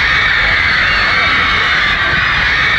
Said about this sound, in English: Just listen to that audience.